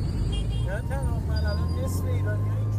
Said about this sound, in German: Die Stadt lebt zu jeder Tageszeit. Motorräder drängen sich zwischen Autos hindurch. Irgendwo hupt immer jemand.